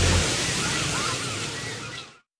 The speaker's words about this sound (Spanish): No, no es la hora del tráfico. Solo es una ola tras otra. Relájate.